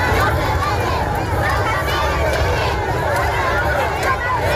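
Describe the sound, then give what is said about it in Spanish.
A crowd of thousands in Ceuta, carrying Spanish flags, roars and shouts continuously for King Felipe and Queen Letizia, a dense wash of many voices mixed with higher-pitched cries, holding at a steady, loud level throughout with no single voice standing out. “Don Felipe y también doña Leticia han sentido el calor de miles de ceutíes agolpados en las ciudades a gritos y con banderas de España.”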